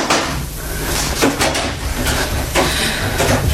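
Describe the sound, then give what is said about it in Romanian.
A door is opened, giving a few sharp clunks and scraping knocks spread over several seconds against a steady low rumble, with no voices. “Că un vis de copil m-a prins în ghiare, dar că cineva, deschizând o ușă, va veni să mă trezească.”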